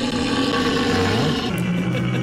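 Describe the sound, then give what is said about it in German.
A deep, drawn-out roar from a red deer stag in rut, loud, its low harmonic bellow rising slightly and holding steady over about two seconds, with no talking. “Die Beamten am Telefon haben dann aber durch den Hörer erkannt, das sind keine Bären, das sind Hirsche.”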